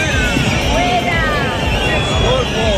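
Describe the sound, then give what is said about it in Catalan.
A large crowd boos and whistles at Spanish Interior Minister Fernando Grande-Marlaska during the oath ceremony of a new Guardia Civil promotion in Baeza, a steady, loud wall of noise, with shrill whistles sliding up and down above the jeering throughout. “La megafonía ha tenido que pedir a los asistentes que detuvieran esa pitada.”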